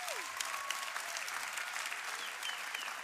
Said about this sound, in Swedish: Jag tycker vi ger henne en sista varm applåd, eller hur?